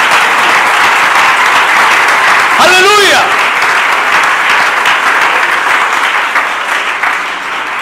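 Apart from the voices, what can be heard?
audience applause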